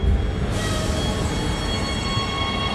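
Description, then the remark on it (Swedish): A subway train rumbles steadily in a station in Brooklyn, a dense, continuous roar with a bright metallic whine joining after the first half second, loud, no voices. “Kim kliver av tunnelbanan i Brooklyn.”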